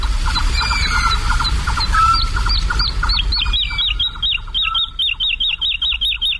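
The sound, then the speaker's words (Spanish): A woodlark sings in flight at dawn over the fields of Daimiel, flapping its wings frantically: a fast, fluting series of repeated liquid notes rising into a rhythmic, looping trill, clear over a steady low background rumble. “Y la totovía está, es una alondra, la alondra de bosque, la totovía está volando arriba, aleteando frenéticamente y cantando.”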